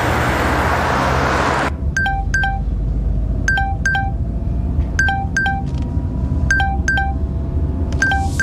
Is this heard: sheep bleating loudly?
no